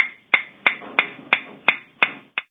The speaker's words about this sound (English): As the bubbles rise to the surface, the speed of sound in the water returns to its normal value, and the pitch of the tapping sound rises.